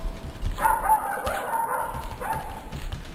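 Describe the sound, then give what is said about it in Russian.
A puppy running along a shore beside a boy yaps excitedly in a quick run of short, high-pitched barks, lively, with faint background noise and no talking. “Спустившись с утеса, он побежал по берегу, прыгая с камня на камень, как маленький козленок, а щенок несся рядом с ним и весело лаял.”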